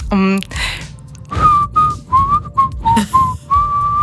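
A short melody on a whistle: about eight clear, high notes in a bouncy rhythm, played fairly loud, after a brief vocal sound and a breath at the start.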